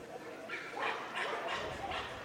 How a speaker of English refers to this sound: Couple dogs still barking. See, I can't tell dogs by their bark, but I can tell that one. That, to me, sounds like a chihuahua. That's a very high-pitched bark.